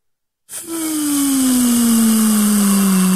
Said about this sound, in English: You hear that, guys? That is the air being let out of the balloon. Best way that I can describe it.